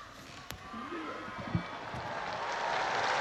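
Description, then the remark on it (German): A large crowd on St. Peter's Square applauds after the blessing of Pope Leo XIV, a dense wash of clapping that steadily swells and grows louder over a few seconds, with a few sharper claps and a faint murmur of voices mixed in. “Auf den Segen des Papstes folgt der Applaus der vielen Menschen auf dem Petersplatz, die sich eingefunden haben, um die Worte Leos des 14.”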